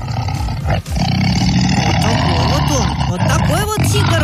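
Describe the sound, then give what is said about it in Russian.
An Amur tiger at Sigulda Zoo roars loudly and continuously, a deep rumbling, growling roar that fills several seconds, with a voice talking over it. “И вот тигр же у нас рычит.”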